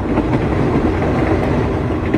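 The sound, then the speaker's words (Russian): An express train slows as it approaches Trnava station, rolling along the tracks with a dense, continuous rumble and faint rhythmic clatter, loud, with no voices over the steady mechanical noise. “Скорый начал притормаживать, мимо Мирко пробежал проводник, громко объявляя, что поезд подъезжает к станции Трнава.”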